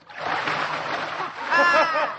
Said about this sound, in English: Look, ma'am. Dan's picking Clore up. He's throwing him in the canal.